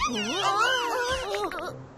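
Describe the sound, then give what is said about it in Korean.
Cats on a street meowing in drawn-out, wavering high-pitched cries that overlap one another for about two seconds, fairly loud, then breaking into short chirps before trailing off. “저 고양이들이 거리를 엉망으로 만든 거였어.”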